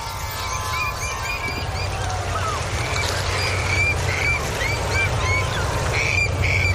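A steady low engine drone from seagoing ships sailing on the Scheldt at Vlissingen runs throughout, while birds foraging on a freshly exposed mini-beach with rocks by the sea dike call and chirp repeatedly over the top, with no one speaking.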